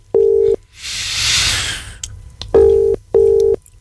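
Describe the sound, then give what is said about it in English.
An outgoing phone call rings unanswered: a single ringback tone, then a burst of line hiss, then a quick double ring pattern, clear and steady with no voices. “Let's make a phone call.”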